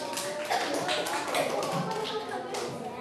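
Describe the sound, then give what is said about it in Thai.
A group of students in an English class claps for themselves in quick, uneven bursts for a few seconds, a dense patter of hand claps with voices murmuring underneath. “โอเคมีใครถูกทั้ง6ข้อยกมือเก่งมากเอาปรบมือตัวเองหน่อย”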